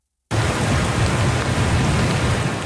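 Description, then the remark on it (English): Heavy torrential rain from Tropical Storm Lala pours down on the Big Island in a steady, dense roar that starts abruptly and holds at full strength, loud, with a deep rumbling low end and no voices. “the worst of the storm appears over, but the threat of more torrential rain remains.”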